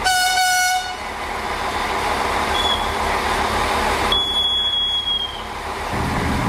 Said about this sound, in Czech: Mezi Nejtkem, Novými Hamry a Perninkem totiž vlak musí překonat prudké svahy a ostré oblouky, podobně jako na proslulé rakouské horské dráze Semmeringbahn.